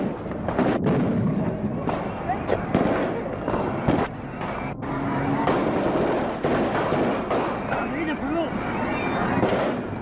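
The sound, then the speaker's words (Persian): Rapid, scattered gunshots crack through a dense, chaotic din as soldiers led by Khalid Islambouli jump from a military truck and fire on the reviewing stand at a military parade in Cairo, assassinating Egyptian President Anwar Sadat; sharp reports repeat irregularly for several seconds while voices and crowd noise churn underneath. “چند سرباز به رهبری خالد اسلامبولی از کامیون بیرون می پرند و جایگاه ویژه را به گلوله می بندند.”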